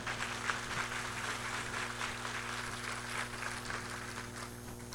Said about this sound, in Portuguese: E também acolhemos Dom Pedro Guimarães, arcebispo da Arquidiocese de Palmas, do Tocantins. A eles três, uma salva de palmas.